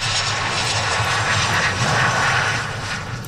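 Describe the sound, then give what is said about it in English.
A loud, steady roar of an airplane engine as a plane carrying four Canadians lands in Victoria, British Columbia, fills the whole clip, a broad rushing drone that holds constant with no voices over it. “A plane carrying four Canadians landed in Victoria last night.”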